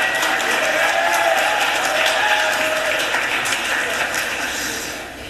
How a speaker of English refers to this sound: I think somebody wanted to clap. I think I heard it a little bit.